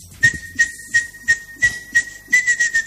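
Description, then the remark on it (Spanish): A sustained, steady high whistle held for nearly three seconds, overlaid with a series of rhythmic breathy bursts: a person whistling to imitate the call of a martineta tinamou, fairly loud with no talking. “Y al rato a medianoche, y a la tardecita, la martineta, la tarde como silba, boludo, eso es lluvia, ¿no?”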